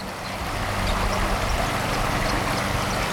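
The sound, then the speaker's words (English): A steady, unbroken rush of the Water of Leith flowing below the Bells Bridge footbridge by the Stockbridge Colonies in autumn, a broad wash of noise that stays even throughout, with a low rumble underneath and no distinct voices. “So we're just walking over the Bells Bridge from the Stockbridge Colonies over the water of Leith, sort of all collected with the oranges and the bronzes of the autumn leaves collecting in the eddies,”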